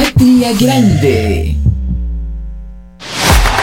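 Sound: heartbeat sound effect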